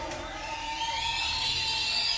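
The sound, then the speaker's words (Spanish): An audience at a religious celebration whistles together in honour of God, many shrill, overlapping tones holding steady and high-pitched over a dense crowd murmur, rising slightly in strength across a couple of seconds. “Él se merece que usted le dé un silbido.”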